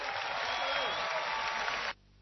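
An audience claps in a steady, dense burst of applause that holds at an even loudness for about two seconds, then cuts off abruptly. No voices are heard.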